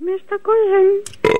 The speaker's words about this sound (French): Ah, mais il rote seulement, il pète pas.